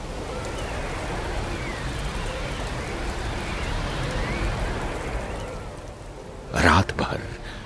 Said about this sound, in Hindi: जॉनसी खिड़की की ओर टकटकी लगाए बैठी रही और इस दौरान बर्फबारी के साथ पतझड़ के मौसम की बारिश शुरू हो गई। साए साए आंधी चलने लगी।